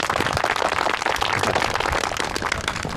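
A crowd applauds steadily for about three seconds to welcome a staff officer to speak, a dense, even wash of many hands clapping at once, fairly loud and with no voices over it.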